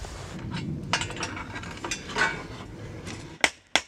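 A scythe blade being peened (dengeln) with a hammer to knock out the nicks and thin the edge: a few soft, irregular metallic taps over a steady background hiss, ending with two sharp, ringing strikes in quick succession.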